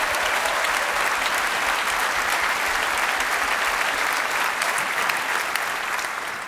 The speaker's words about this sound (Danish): Giv ham bare lige et ekstra bifald.